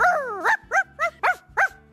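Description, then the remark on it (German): On World Dog Day, a person asked how they would bark imitates a small dog, like a cheeky little terrier. It starts with a short falling whine, then five quick, high barks in a steady rhythm, fairly loud. “Wie würden denn Sie bellen?”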